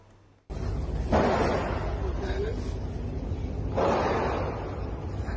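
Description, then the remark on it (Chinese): Two heavy gunshots, a few seconds apart, ring out during a shooting at a school in Nong Bua Lamphu Province, Thailand, where the gunman fired dozens of shots, over a steady wash of background noise, with faint murmuring voices underneath as students hid under classroom desks. “泰国农务里府一所学校7号发生枪击案，现场视频显示，校园内持续听到枪声，部分学生躲在教室桌子下方小声啜泣。”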